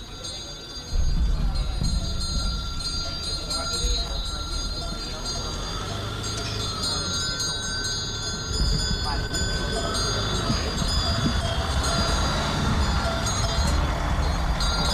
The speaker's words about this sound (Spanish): Sonidos de cencerro tras cencerros de ganado. Trajín de coches en la cuadrilla de Añana, en concreto en la feria de Alubia Pinta Alavesa, en su 30ª edición. Esto fue sonido recogido el pasado domingo en esta localidad, en Pobes, concejo de Pobes